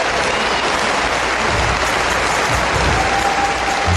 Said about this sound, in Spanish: Un aplauso fuerte al Rey de Reyes. Gloria a Dios.